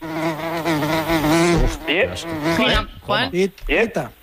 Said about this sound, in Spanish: Sí, sí, es una mosca.